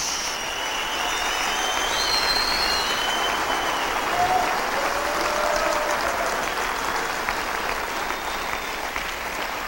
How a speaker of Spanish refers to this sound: Aleluya. Un aplauso fuerte a Jesús.